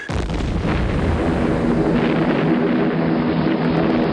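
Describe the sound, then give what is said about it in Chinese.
Japanese warplanes flying west in neat formation roar loudly and continuously overhead, a dense, rumbling wall of engine noise with a faint whine threaded through it, lasting the whole moment with no voices. “巨大的轰鸣，尖利的啸叫，在孩子的眼里意味着死亡的恐惧。”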